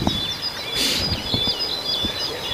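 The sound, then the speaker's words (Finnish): Repeated thin, high chirps from a tit in the yard, picked up by a microphone in the forest, steady over a faint outdoor ambience, with a brief burst of brighter noise partway through and no voices. “Tämä oli tiainen pihan puolella.”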